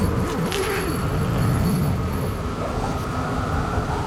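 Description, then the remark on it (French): Strong blizzard wind roars steadily and loudly, a dense low rumble with faint wavering whistles and howls rising over it, constant for the whole stretch with no voices. “Lorsque le blizzard, il crie si fort, on a beau hurler, personne ne nous entend. Le vent, il est vivant, puissant. Tenez, écoutez.”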